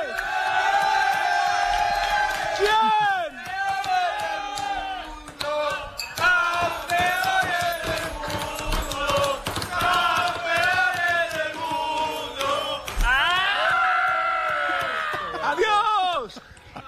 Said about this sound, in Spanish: me voy a meter en medio de la fiesta del equipo CF Moto Aspar. Métete. Donde están celebrando ese título